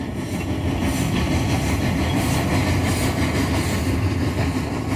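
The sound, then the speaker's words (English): A big freight train rolls by on the CN main rail line, a steady, loud rumbling roar with faint rhythmic clatter of wheels and a hissing high wash, continuous throughout and with no voices. “The thing about the school car, it was parked quite close to the main line of the CN.”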